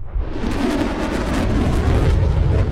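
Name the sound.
fireworks exploding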